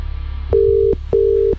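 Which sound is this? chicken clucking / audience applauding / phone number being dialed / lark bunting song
phone number being dialed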